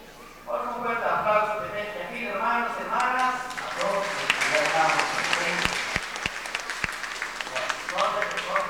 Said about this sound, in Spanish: Estos aplausos, bueno, un saludo le mandamos aquí en la comunidad de Sufchal, todos los que están visualizando a través de Arcángel TV.